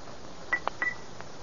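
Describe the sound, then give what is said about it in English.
A silver pencil taps a rose crystal bell, whose clapper has been taken out, about four times at an uneven pace, each strike a short, dull click with only a faint trace of tone and no lingering ring. “Suppose I tap it with this silver pencil. That ought to make it ring.”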